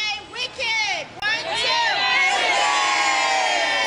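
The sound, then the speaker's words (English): A crowd of excited schoolchildren arriving on packed school buses for a theater trip at Downtown Crossing, Boston, cheers and shouts, many high voices overlapping in a loud, continuous roar with rising and falling squeals throughout. “Their wicked excitement could be heard loud and clear as packed school buses screeched to a stop.”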